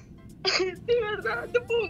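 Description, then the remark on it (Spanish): A woman sobbing with joy and emotion, broken, shaky voiced cries and whimpers coming in several short bursts, fairly loud, with quick breaths between them. “Está llorando demasiado.”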